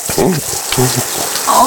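A steady hiss of shower water spraying onto a towel laid over a person's face, over mouth and nose, in a mock waterboarding, with a few muffled, gurgling vocal sounds breaking through beneath the spray.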